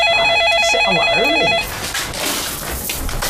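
A telephone rings with a fast, warbling electronic trill that repeats for about a second and a half, then cuts off abruptly, leaving a steady hiss of room noise.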